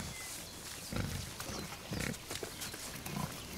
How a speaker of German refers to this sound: Nicht ohne Grund haben Wildschweine einen harten, beweglichen Rüssel, mit dem sie den Waldboden nach Wurzeln, Würmern, Schnecken, Pilzen und Insektenlarven durchpflügen.